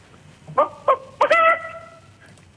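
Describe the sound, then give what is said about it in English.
A caller on a phone line imitates a chicken clucking: three short, sharp clucks in quick succession, then a longer drawn-out squawk that fades, loud with no other talking. “Okay, so give me your best chicken impression whenever you're ready.”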